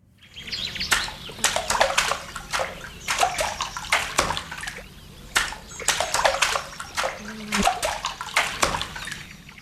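A rhythmic pattern of sharp splashes and sloshes as water is struck again and again with a paddle, the hits grouped into a repeating beat, fairly loud with no voices.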